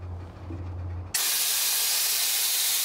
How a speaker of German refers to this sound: Erkzim lässt Luft aus den Bremsen. So kann der Güterzug nicht wegrollen.